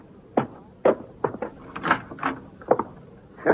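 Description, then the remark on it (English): An unlocked front door being opened, with a series of irregular thumps, clacks and rattles from the latch and frame over a few seconds, no voices. “Now, come on, Britt. The front door's unlocked.”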